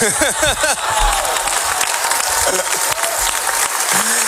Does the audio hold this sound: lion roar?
no